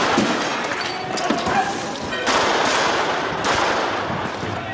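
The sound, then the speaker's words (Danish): Repeated sharp pistol shots, at least 113, fired by police at demonstrators crack amid a chaotic, noisy crowd during street riots in Nørrebro, Copenhagen, Denmark, with shouting voices and broad roaring commotion filling the scene throughout. “Mindst 113 pistolskud bliver affyret.”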